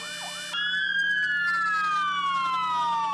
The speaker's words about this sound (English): In memory of the Kornati firefighters, fire department sirens sounded across the country for 1 minute at 3:25 p.m., while fire trucks activated their lights and sirens, as they do every year on this day, to honor their fallen colleagues.